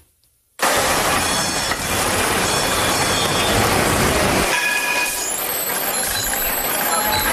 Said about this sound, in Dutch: Ja, je zei het geluid van mijn jeugd. Dat moet een tram zijn. Ja. Hier zit ook nog heel veel geluid omheen.